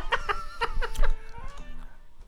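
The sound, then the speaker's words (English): A chicken clucks in a quick run of short, bright calls, several in the first second, then fading into softer scattered clucks against a low rumbling background. “If you catch this chicken, you grease lightning.”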